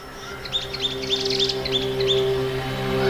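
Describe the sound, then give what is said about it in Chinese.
A pair of thick-billed parrots raising young at a tree-hole nest gives a run of short, scratchy calls that repeat in quick bursts over a steady low hum, with brief pauses between clusters of harsh chirps. “这对厚嘴鹰哥正在通过辛勤的劳动为脆弱的族群增添新的成员。”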